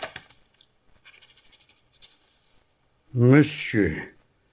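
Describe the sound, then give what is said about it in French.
Soft, scratchy bursts of a pen moving across paper as a short letter is written to Count André, going on for a couple of seconds before a voice speaks loudly and briefly. “Il faut que rien ne s'oppose à ce que j'écrive au comte André. Quelques lignes suffiront.”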